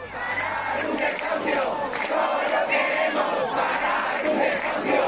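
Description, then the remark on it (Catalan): A large protest crowd of hundreds of people at the door of a home in the Retiro neighbourhood, trying to block the court officials carrying out an eviction, chants and shouts together in a steady, dense roar, with rhythmic bursts of voices rising over continuous noise for several seconds. “Centenars de persones romanen a la porta en aquests moments del domicili per intentar impedir el pas de la comitiva judicial que ha d'executar el desnonament i ja s'han produït les primeres càrregues amb agents antiavalots.”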